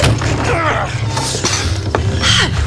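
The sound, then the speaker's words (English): A door creaks open with drawn-out, wavering groans, a couple of rising and falling squeals over a low background rumble, fairly loud, with no one speaking. “Open the door.”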